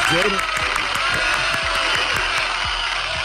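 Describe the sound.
A crowd applauds steadily for a few seconds, an applause dedicated to a singer and sent from the United States, a dense, loud wash of clapping with sharper individual claps popping out, and a brief murmur of voice near the start.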